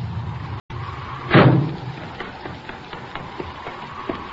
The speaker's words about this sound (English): Hey, listen. Here comes a car.